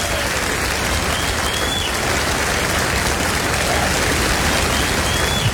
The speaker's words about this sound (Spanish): No, aplauda más fuerte que eso si dice yo soy de los resucitados de River.